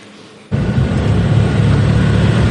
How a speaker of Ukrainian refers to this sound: Евакуаційний автомобіль під'їжджає до будинку. Хазяйка! Це одне з прифронтових сіл на Херсонщині.